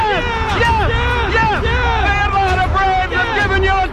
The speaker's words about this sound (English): Listen to this crowd.